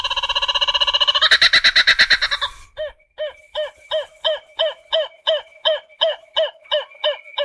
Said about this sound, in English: The emblematic sound of Australia, dusk and dawn, the kookaburra bird